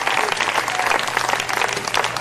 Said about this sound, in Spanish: ¿Cuántos alaban al Señor? Denle fuerte aplauso al Cristo de la gloria. Gloria a Dios.